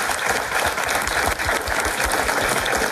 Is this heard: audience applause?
yes